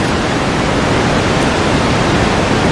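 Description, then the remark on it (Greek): A steady, loud wash of ocean-wave white noise, like a sleep-sound recording of the sea, rushing evenly without pause and with no voices. “Θάλασσα. Κατευθείαν σε ηρεμία”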